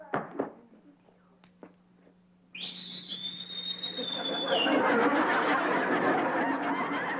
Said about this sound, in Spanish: ¿A quién le chiflaste?